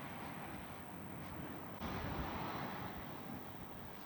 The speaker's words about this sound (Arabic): وتظهر هذه المشاهد تنفيذ قوات الاحتلال الإسرائيلي تفجيراً في محيط بلدة كفر تبنيت جنوبي لبنان.